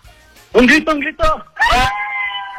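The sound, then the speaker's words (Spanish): A class of students in a classroom shout together in loud bursts at their teacher's call: a few quick yells followed by one long, drawn-out cheer that holds and slowly fades. “Aquí tengo el apoyo de todos mis alumnos, porque estaba dando clases, pero me están apoyando ahorita.”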